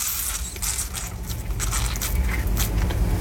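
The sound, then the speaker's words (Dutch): A citrus press being squeezed hard for the last of the juice into a glass, giving a steady crunching, crackling grind with short scraping bursts over a low rumble, without any voices. “Als een zuinige Nederlander het laatste restje uit de persinezappel persen in mijn glas.”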